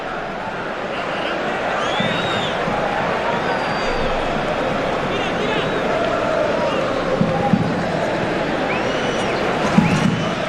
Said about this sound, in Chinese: 17号拉马扎尼是换下了16号迪戈洛佩斯。现场的观众呢，也是给了迪戈洛佩斯和拉马扎尼掌声。